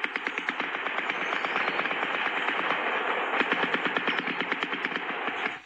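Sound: gunfire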